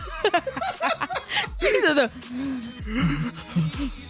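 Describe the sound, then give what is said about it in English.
A voice imitates gasping for breath as if short of breath, a run of sharp, ragged inhales and strained exhales, with a couple of short vocalized wheezes and laughter-like bursts. “I was, like, short of breath.”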